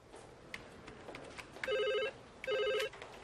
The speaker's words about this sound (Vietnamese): Can you get that, Wenol? I'm having me lunch. Get it yourself. Wenno, I'm trying to write a report. Pick up the phone.